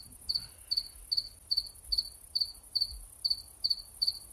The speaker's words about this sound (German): Das nennst du Lärm? Hör dir das Gesäge doch mal an. Gesäge? Du nennst den Gesang der Zikaden ein Gesäge? Es sind mindestens drei und sie sägen. Sie singen.